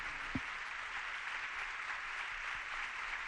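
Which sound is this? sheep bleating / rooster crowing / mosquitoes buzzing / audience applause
audience applause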